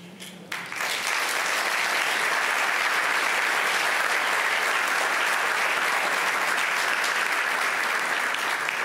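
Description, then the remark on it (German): A live audience at an ARD event, where Weltspiegel presenter Isabel Shayani talks with ARD foreign correspondents, applauds steadily, a dense wash of clapping that starts abruptly after a brief moment and holds at a loud, even level throughout. “Herrlich mit Publikum.”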